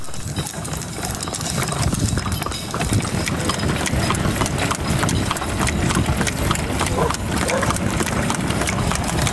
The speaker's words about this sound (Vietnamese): Chiếc xe ngựa chở theo cá mùa xuân. Trên xe, những đứa trẻ nép mình bên người lớn, mắt dõi theo người bo ngựa đã gắn bó cả đời với dây cương và gió sắt.